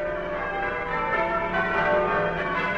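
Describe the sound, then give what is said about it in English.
Church tower bells ring out in a dense, continuous peal, their overlapping metallic tones sustained and fairly loud throughout, with no voices. “From the heights of our graceful bell tower, the bells ring out their welcome, inviting you to spend the next half hour listening to music warm, comforting and uplifting.”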